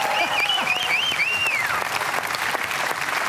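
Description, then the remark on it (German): A crowd at a quiz show applauds with steady, dense clapping throughout, while a shrill whistle slides up and down in pitch over the clapping for the first couple of seconds. “Applaus!”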